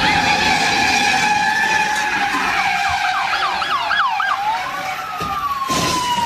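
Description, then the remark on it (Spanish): A police siren wails loudly during an intense police chase in North Hollywood, sweeping up and down in rapid yelps before settling into a long falling tone, with a constant rumble of traffic or engine noise underneath. “en North Hollywood se llevó a cabo una persecución policial intensa, ya que un vato se robó un carro de lujo amarrado a su camioneta.”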